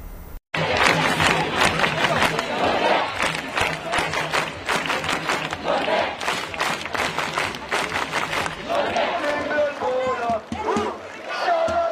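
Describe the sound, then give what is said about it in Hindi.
A large crowd in the streets of Norway cheers and shouts continuously to welcome the Norwegian football team home after its World Cup quarter-final loss to England, a dense wash of many voices with rhythmic chanting and whistles rising through it, loud and sustained throughout. “देखिए टीम वतन लौटी तो लोगों की भीड़ उनके स्वागत के लिए सड़कों पर उतर आई।”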